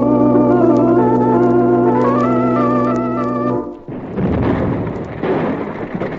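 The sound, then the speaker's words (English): A steady, loud mechanical drone with layered whistling tones suddenly gives way to a heavy roaring explosion as the overloaded boiler of a donkey engine blows up the pump house, followed by several seconds of deep, crackling rumble. “Well, that bonehead you hired to take care of the donkey engine overloaded the boiler. She let go and blew the pump house to smithereens.”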